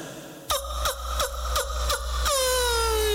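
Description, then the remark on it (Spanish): A person imitates a female donkey's bray: about five loud, rhythmic, rasping pulses followed by a long, drawn-out wail that slowly falls in pitch, with no other talking. “¿y cómo te hace la burra?”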